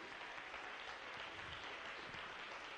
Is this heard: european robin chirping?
no